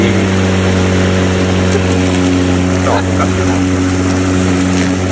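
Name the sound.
lawn mower engine running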